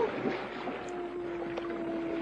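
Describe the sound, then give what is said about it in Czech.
A penguin's long, steady, droning call carries, holding one low moaning pitch under a constant wash of wind and water noise. “Je to albatros nebo tučňák. Ty umějí volat.”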